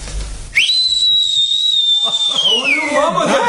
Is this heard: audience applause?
no